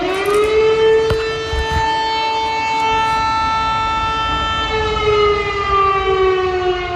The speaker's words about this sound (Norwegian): Kraftige sirene kunne høres I Lublin øst I Polen tidlig på morgenen I dag, samtidig som Russland gjennomførte luftangrepet mot nabolandet Ukraina.